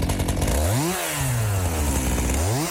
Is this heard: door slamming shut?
no